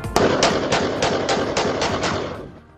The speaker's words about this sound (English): What started as a party ended in gunfire, the latest out of Texas.